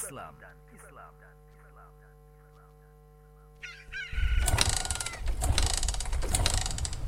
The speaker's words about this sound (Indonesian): Pagi-pagi gini udah manasin motor. Ini biasa, tugas rutin.